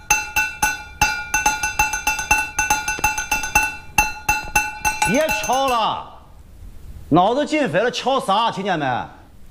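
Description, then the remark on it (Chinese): Quick, uneven taps on a broken bowl ring out as bright, high clinks for several seconds; then the tapping stops and people start talking loudly. “你手不听使唤，敲那破碗就听使唤了？”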